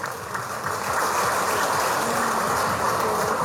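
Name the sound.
audience applause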